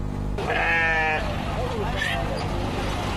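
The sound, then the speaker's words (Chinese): A sheep lets out a loud, wavering bleat, then a shorter, fainter bleat follows a moment later, over a steady wash of outdoor background noise, at a Wednesday-afternoon bazaar in Xinjiang where farmers bring sheep by donkey cart. “巴扎在维吾尔语中是集市的意思，每逢周三下午，农民都会赶着毛驴车带着羊儿到集市上凑热闹，而羊毛专家也会到这里来寻找优质的羊毛。”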